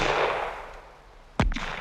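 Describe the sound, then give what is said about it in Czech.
A single sharp rifle shot, not far away, cracks out of a steady background hiss, followed by a quick, fainter echo or second report; no one speaks. “To byly rány z pušky a nemoc daleko od nás.”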